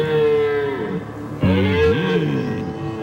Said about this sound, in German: Ja, ja, die Hirsche. Die haben es momentan nicht leicht, weil sie schreien sich die Seele aus dem Leib. Brunftzeit ist jetzt gerade angesagt. Dauert noch wahrscheinlich ein, zwei Wochen.